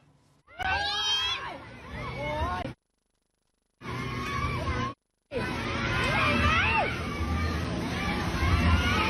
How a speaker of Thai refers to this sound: อีกจุดหนึ่งไปดูกระบะขับฝ่าน้ำแล้วเกิดอะไรเกิดคลื่นซัดมอเตอร์ไซค์ที่จอดอยู่ข้างทางล้มระเนระนาดครับ